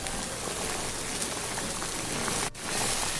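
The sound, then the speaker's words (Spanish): Food added to a pot of boiling oil sizzles with a dense, steady crackle and hiss that holds at an even loudness, dipping for a split second before resuming. No one speaks. “Y vamos a agregarla a la cazuela donde ya tengo el aceite hirviendo.”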